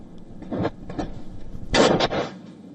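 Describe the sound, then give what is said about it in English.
Several sharp gunshots crack out at irregular intervals, echoing, on the streets of Bara Bazaar in Pakistan's Khyber district during street protests. The last few come in a quicker cluster over low background noise. “Police officials approaching houses of senior PTI leaders, people coming out on the streets to protest, and gunshots being heard on the streets.”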